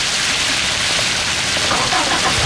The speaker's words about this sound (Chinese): 大哥，哎，下雨了。